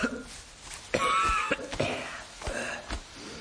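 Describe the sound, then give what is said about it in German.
Several harsh, strained coughs burst out in uneven succession, with rasping, wheezy breaths between them, sounding labored and painful, from someone beside a grave brushing earth off a suit. “Jemand klopft sich Erde vom Anzug, seinen Hut aus, hustet angestrengt, dass man meinen könnte, gleich macht auch noch das letzte Lungenbläschen dicht.”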